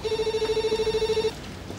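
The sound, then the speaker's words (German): A telephone rings with a rapid, fluttering electronic trill, a steady pulsing tone repeated about fifteen times a second for over a second, then stopping, leaving only faint background noise. “Nee, ich geh nicht ran, ich geh nicht ran.”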